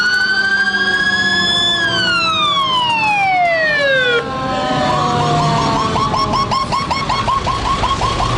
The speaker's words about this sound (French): New York est plongé dans un chaos de sirènes et de poussière. La panique est totale.